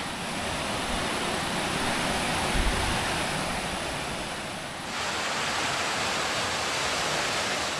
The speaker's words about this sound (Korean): 네, 여기가 이제 폭포라서 물소리가 벌써부터 들리네요. 저기 보이는 것 같습니다.